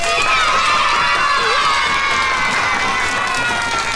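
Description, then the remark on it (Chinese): A class of schoolchildren cheers and shouts together, applauding to welcome a teacher who has just become the class's deputy head teacher; loud and sustained for the whole stretch, with clapping likely mixed into the excited noise. “就正式成为咱们班的副班主任了，大家掌声欢迎。”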